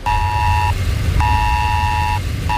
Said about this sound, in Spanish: Sí, alerta por tormentas severas e inundaciones en la zona de Nueva York, en Nueva Jersey, con un mensaje que nos ha llegado a todos los móviles similar al del Esaler de España, que tenemos en nuestro país y que ha sonado así.